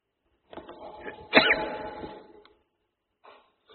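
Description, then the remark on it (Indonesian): A single moderately loud sneeze during an Islamic religious lecture, with a breathy build-up just before the sharp burst and a short fading tail, then near silence. “Alhamdulillah. Yahdikum wasallam.”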